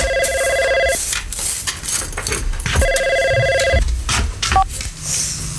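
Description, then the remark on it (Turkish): A telephone rings in two long electronic trilling bursts separated by a pause, with household clatter and background noise in between. “o telefonu getir.”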